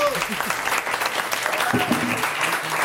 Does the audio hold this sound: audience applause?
yes